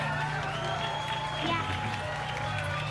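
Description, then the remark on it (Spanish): A dense, steady wash of crowd noise from an audience at a rock show in Aguascalientes, Mexico, applauding and cheering young local bands, filling the whole stretch at a constant, fairly loud level, voices blurred within it. “Quiero pedir un fuerte aplauso de verdad para las nuevas generaciones que están dominando aquí la escena hidrocálida.”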